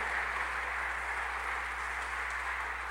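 A church audience applauding the Lord during a sermon, a dense, steady wash of clapping from many hands that holds evenly for the whole stretch, with a low hum underneath and no voices.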